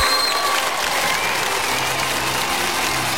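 Sustained applause from a crowd, a dense, steady patter of many hands clapping at a constant loudness for a few seconds, with no voices standing out.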